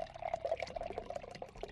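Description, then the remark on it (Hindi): Water pours steadily into a container, a bubbling, gurgling stream with a rising tone as it fills, moderately loud, lasting under two seconds with no voices. “अब वो पानी। हाँ, वाटर है ना ग्रैंडपा?”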